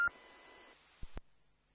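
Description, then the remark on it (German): A short electronic telephone tone, about a second long, with a faint steady beep over hissy line noise, ending in two sharp clicks, heard alone and fairly quiet. “So, jetzt klingelt mein Telefon, da muss ich mal ganz kurz dran gehen.”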